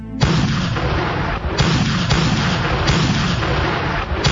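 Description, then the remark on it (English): Heavy naval bombardment booms continuously as Marines storm the battlements of a coastal fortress, with repeated deep blasts at roughly one-second intervals rising out of a dense, rumbling low-frequency roar. No voices are heard. “Amidst the roar of naval bombardment, the Marines stormed the battlements, and for the first time in history, the Stars and Stripes were raised in victory over foreign soil.”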